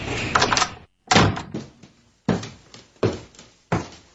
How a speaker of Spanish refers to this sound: Llegaron. Hilda, llegaron. La puerta, niña.